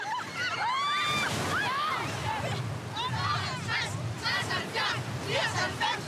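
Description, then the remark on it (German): Waves of the Danish sea, with water at 16 degrees, wash and slosh steadily while children in a swimming lesson shout and squeal, their excited voices overlapping in a lively babble at the water. “So lernen wir das echte dänische Meer kennen.”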